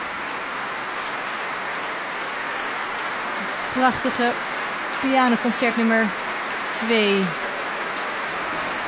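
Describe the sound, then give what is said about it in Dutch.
A dense, steady wash of enthusiastic applause from a concert audience calling the performers back runs throughout without letting up, while a man's voice speaks over it in short bursts partway through. “En ze zijn de trap opgegaan, maar ik weet zeker dat ze nog naar beneden komen, want het publiek is uitzinnig aan het klappen.”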